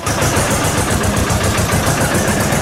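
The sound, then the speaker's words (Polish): A black tractor with a 2400 engine capacity idles loudly, a steady, rhythmic diesel chugging that holds even for the whole stretch with no voices over it. “Jedni marzą o lokomotywie, inni o aucie terenowym na górskie wyprawy, jeszcze inni o samochodzie sportowym, niektórzy chcą wozić swoją ukochaną, uwaga, ciągnikiem.”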